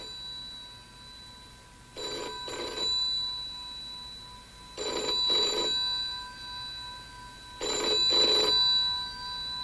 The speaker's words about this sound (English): Will somebody answer that phone?